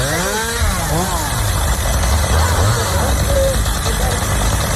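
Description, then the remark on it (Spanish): Chainsaws of Infoca wildfire crews working through the night on a wildfire at Minas de Río Tinto, Huelva, Spain, roar steadily, their engines whining up and down in pitch as the throttle is squeezed and released several times over a constant loud, gritty buzz. “Son las motosierras del Infoca en Minas de Río Tinto.”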